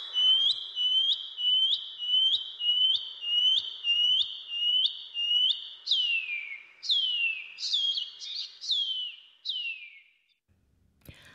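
A shining cuckoo (pipi wharauroa) calls alone: a rapid series of about a dozen high, upslurred whistles, followed by several longer, drawn-out notes that slide downward before the song stops.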